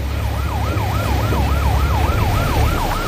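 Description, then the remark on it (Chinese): A loud electronic siren on a law enforcement patrol boat wails in a steady rising-and-falling sweep, repeating about every half second, over a heavy low engine rumble with no voices, sounded as a speedboat with six engines at full power tries to flee. “你看这个船打满舵，6台发动机同时开足马力逃窜的时候，我们就立即拉响了这个警报。”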